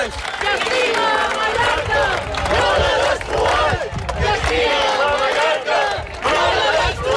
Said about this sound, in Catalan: Són els crits de les 10.000 persones que han participat en la cadena humana que diverses organitzacions ecologistes de Mallorca han fet aquest matí com a rebuig a l'especulació immobiliària que està degradant espais naturals com Estrenc.